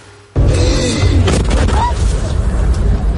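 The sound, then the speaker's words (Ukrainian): Artillery shells detonating at ammunition depots in the village of Myla near Kyiv, raising a fireball mushroom: a sudden, loud explosive boom that swells into a sustained, heavy rumbling roar with sharp crackling bursts, voices faintly audible beneath the din. “Вогняний гриб від детонації снарядів на складах у селищі Мила, неподалік Києва.”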